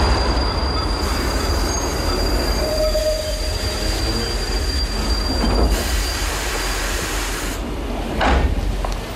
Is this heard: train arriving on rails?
yes